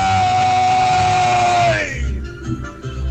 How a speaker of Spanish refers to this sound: Grito número dos. ¡Ay, ay, ay!